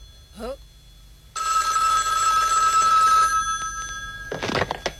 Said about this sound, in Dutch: Oh, telefoon. Telefoon.